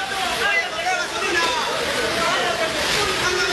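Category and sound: nature, rushing floodwater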